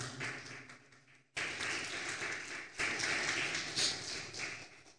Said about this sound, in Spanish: ¿Cuántos le dan un aplauso poderoso al Señor?